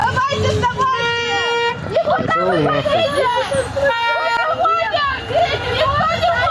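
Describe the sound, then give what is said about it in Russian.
A crowd of agitated voices, mostly women trying to stop a bus carrying deserters from an assembly point in Verkhnyaya Pyshma, Sverdlovsk Region, Russia, shouts and talks over one another around the bus, while a vehicle horn honks in long sustained blasts through the commotion. “Женщины пытаются остановить автобус с дезертирами.”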